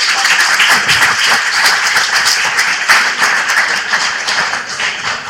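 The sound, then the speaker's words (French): Steady applause from an audience, a dense wash of many hands clapping at once, fairly loud and sustained for several seconds with no talking over it. “Merci pour ce son bien applaudi, s'il vous plaît.”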